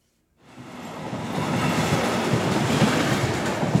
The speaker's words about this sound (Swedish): Nu är den första provturen avklarad. Att köra eldrivet persontåg mellan Storlien och Trondheim på den nyelektrifierade Meråkerbanan.